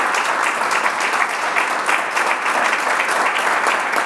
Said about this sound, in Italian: Ah, intanto ti facciamo un applauso,